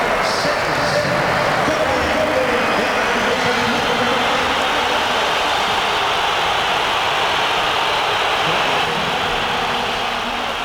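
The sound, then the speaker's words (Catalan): Atlético Madrid fans in a stadium boo Julián Álvarez as Simeone brings him on with the score at 1-1 during a match, a loud, sustained roar of jeers that holds steady for about ten seconds, a dense wall of massed voices with no pauses. “Durant el partit i amb l'1-1 al marcador, Simeone ha fet entrar Julián Álvarez i l'afició ha respost amb una esbroncada pel jugador.”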